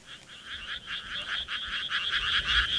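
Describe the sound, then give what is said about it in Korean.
A dense chorus of frogs croaks continuously from rice paddies spread out behind buildings along an empty street, a steady pulsing trill that swells slightly over time, with faint low rumble beneath and no voices. “건물들 뒤로 펼쳐진 논에서 개구리가 울어댔다.”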